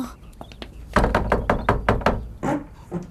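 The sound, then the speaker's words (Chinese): A rapid run of hard knocks and thumps on the door of a home, about eight close together, followed by a couple of heavier bangs as it is shoved open. “哎，门开了。”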